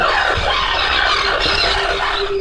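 A dense, continuous chorus of harsh, grating seabird calls from many greater crested terns at a breeding colony early in the breeding season, before egg-laying, overlapping without pause at a steady, loud level, with a faint low hum running underneath.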